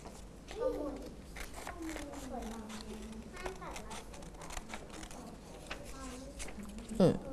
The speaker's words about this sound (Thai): จากนั้นมือด้านนึงนะคะข้างนึงเนี่ยจับให้แน่นจากนั้นมืออีกข้างนึงสอดนิ้วเข้าไปในกรรไกรจากนั้นใช้นิ้วกลางประคองตัดเข้าไปเลยค่ะ